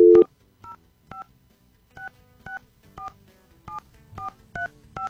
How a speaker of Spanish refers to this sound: Estamos marcando rápido. ¿Sí se fijó cómo marqué? Híjole, pues yo creo que marqué mal.